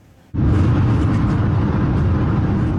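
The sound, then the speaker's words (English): After a brief quiet moment, loud traffic noise on Highway 78 in the Ottawa Street area of Kitchener cuts in abruptly and holds as a steady rumbling roar of passing vehicles, as an e-scooter rider weaves in and out of traffic, with no voices. “An e-scooter rider weaving in and out of traffic on Highway 78 in the Ottawa Street area of Kitchener.”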